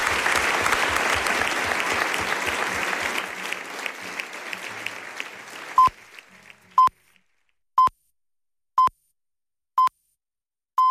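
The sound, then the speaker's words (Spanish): A large audience applauds loudly and steadily for about six seconds for four people being thanked, then the clapping cuts away to a series of short, evenly spaced electronic beeps, one per second. “Un aplauso enorme para vosotros.”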